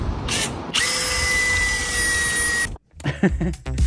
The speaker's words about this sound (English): sets about drilling a hole through the cabbage. Simply make a hole in the cabbage.